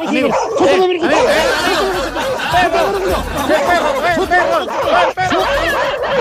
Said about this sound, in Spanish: ¡Perro! ¡El perro!